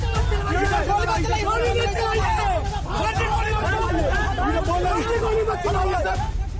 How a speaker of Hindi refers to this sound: Police लोगों को तेतर बेतर कर रही है और पीछे से चीख पुकार बची है कि पुलिस वाले गोली न चलाएं।